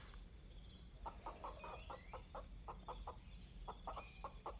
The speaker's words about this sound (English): We shall take this chicken and we shall offer it to the Oak Noble. Catch it